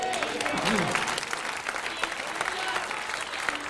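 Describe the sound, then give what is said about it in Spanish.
An audience applauds God during a sermon on the feeding with five loaves and two fish, a dense, even wash of many hands clapping with a few sharper claps poking through and a faint voice underneath. “Denle un aplauso a Dios.”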